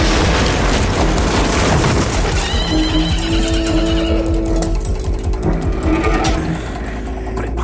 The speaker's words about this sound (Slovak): popchol Rosinanta do plného cvalu a zaútočil na prvý mlyn